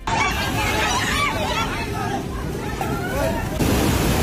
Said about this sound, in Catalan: I este és el moment en el qual l'aigua s'enduia per davant un pont. Encara es desconeix què ha pogut desencadenar la catàstrofe, però podria ser un terratrèmol.